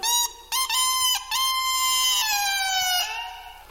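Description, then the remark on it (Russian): A rooster crows loudly, one long, strained cock-a-doodle-doo broken into a few harsh segments, its pitch dropping at the end. No one speaks. “Петух голосил, гребешок возносил.”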